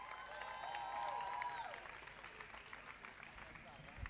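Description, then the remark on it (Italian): A crowd claps steadily, with whooping cheers and a high, wavering whistle rising over the applause in the first seconds. The clapping continues at a somewhat lower level after the cheers fade. “E ora vi chiedo un grande applauso, più forte per favore.”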